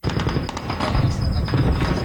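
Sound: explosions and gunfire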